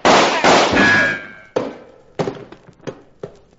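Two loud gunshots boom with a ringing tail, followed by a scattered volley of four or five sharper, quieter shots at irregular intervals, with no voices.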